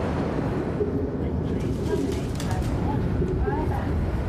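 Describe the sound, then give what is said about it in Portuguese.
Soft, low cooing of pigeons nesting in a cast-iron bridge in a city, several birds overlapping in a steady murmur with a constant rumbling background. “A estrutura de ferro fundido está cheia de dezenas de apartamentos perfeitos para os pombos.”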